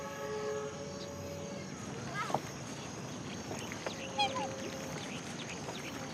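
Swans on the water honk in a drawn-out, nasal way as people come to feed them, a few calls rising over steady outdoor background noise, with brief sharper squawks breaking through later.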